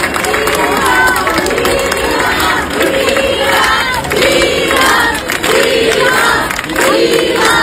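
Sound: crowd applauding and cheering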